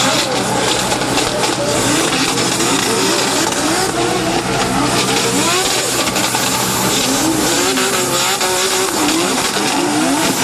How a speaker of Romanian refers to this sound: Vizitatorii au putut urmări și demonstrații de drift. Printre piloții care au făcut spectacol pe pistă s-au numărat și campioni în vârstă de doar 13 ani.